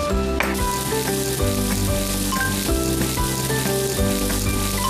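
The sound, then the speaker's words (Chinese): Scallion, ginger and dried chili sizzle in plenty of hot oil in a wok, a loud, steady crackling hiss that runs unbroken for about five seconds, with soft tonal notes and periodic low thumps beneath it. No one speaks. “这时候呢，咱要大油炝锅。”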